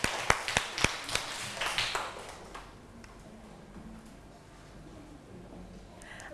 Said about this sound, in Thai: เอาปรบมือให้เพื่อนเราหน่อยค่ะ